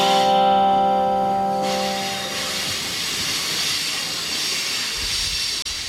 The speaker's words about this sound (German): Now, ladies and gentlemen, we do feel the brakes of the train starting. You can hear that squeal. That's because we are getting close to Hell's Gates.